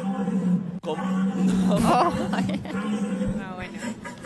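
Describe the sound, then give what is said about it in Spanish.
At a world deer-calling championship competition, a person imitates a deer stag's call with a loud, sustained, throaty groan that rises and wavers over several seconds, with faint chuckling around it. “El campeonato mundial de llamadas de ciervo.”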